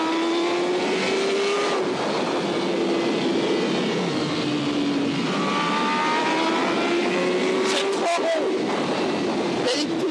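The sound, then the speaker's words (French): A racing motorcycle engine screams loudly on a racing circuit, its pitch climbing steadily under hard acceleration as the bike lifts very slightly, with a brief dip at a quick gear shift near the end. “Et là, quand on accélère, la moto se lève très légèrement.”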